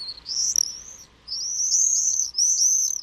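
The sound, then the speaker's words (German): Common swifts flying fast over the Landwehrkanal in summer, calling in shrill, high-pitched screaming trills, three long bursts with brief gaps between them, loud and piercing over a faint low rumble. “Wenn im Sommer pfeilschnelle Schatten über den Landwehrkanal flitzen und laut Sri rufen, dann sind die Mauersegler da.”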